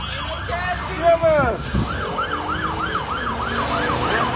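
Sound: police car sirens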